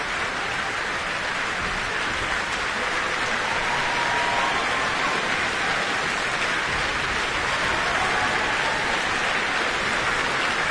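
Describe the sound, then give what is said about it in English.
Sustained, dense applause from a large orchestral concert audience, as conductor Benjamin Northey gestures for the orchestra's principal players to acknowledge it; a steady wash of clapping that holds at an even level for about ten seconds with no voices. “Benjamin Northey is gesturing that the various principal players in the orchestra should acknowledge the applause.”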